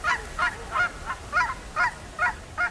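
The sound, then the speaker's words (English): A bird calls over and over while being banded, about eight short, harsh honking cries in a steady, quick rhythm, fairly loud, with no voices. “You want them to be nice and tight so that the bird doesn't get it caught on anything that can harm it.”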